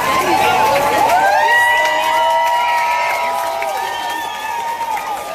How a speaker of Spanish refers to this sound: Durante los segundos de plena oscuridad había silencio y asombro para luego terminar con aplausos.